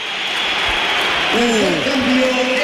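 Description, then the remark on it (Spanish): The crowd at the Bernabéu applauds as Vinicius is substituted for Álvaro Carreras and applauds them back, a steady, dense roar of clapping and cheering that swells slightly toward the end, with a faint tonal voice rising and falling through the middle. “Va a entrar Álvaro Carreras, se va Vinicius, que ahora él aplaude al Bernabéu, se lo devuelven, pero al principio ha habido un poquito de todo.”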